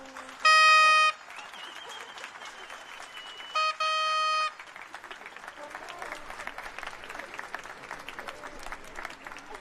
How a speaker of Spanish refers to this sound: Un fuerte aplauso.